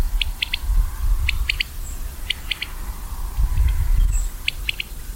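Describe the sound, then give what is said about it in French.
A common quail calls its sharp three-note phrase again and again at a steady pace, clear over a low outdoor rumble with no one speaking. “On commence par cet oiseau qu'on entend ici, c'est la caille des blés.”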